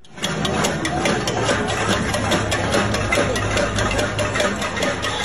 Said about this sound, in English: That's the sound of protesters hitting pots and pans there in the streets.